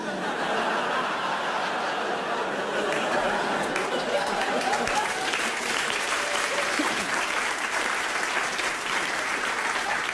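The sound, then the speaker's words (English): A crowd claps steadily for about ten seconds, a round of applause started by one audience member, a dense, even patter of many hands, with scattered chuckles and murmuring chatter mixed in. “Someone sat down there who tried to start a round of applause and it didn't look like you were going to go with it.”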